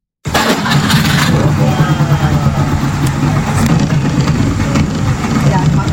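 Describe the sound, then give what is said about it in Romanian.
A Trabant 601's small two-stroke car engine bursts into life and keeps running loud, a rattly, buzzing drone holding fairly steady throughout. “Am venit cu un Trabant 601.”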